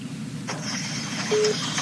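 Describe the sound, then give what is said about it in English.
A phone being used to patch a caller through gives off a brief electronic beep tone over a steady faint high-pitched whine and low line hum, with no one speaking. “Just wondering what that beep beep is.”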